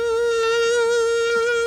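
Native mosquitoes whine in a steady, high-pitched buzz that holds without a break, loud, with no voices or other sounds around it.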